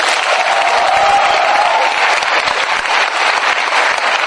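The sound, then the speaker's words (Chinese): An audience at a xiangsheng (crosstalk comedy) show by the Qingqu She troupe, a university-born comedy club, applauds steadily after the performers' closing wishes: a dense, loud wash of many hands clapping that holds evenly for the whole few seconds, with no one speaking over it. “我们希望用我们的节目， 哎， 给大家带来更多的欢乐， 没错， 在这儿祝愿大家身体健康，万事如意，学业顺利，少生嫌弃，掌声随意。”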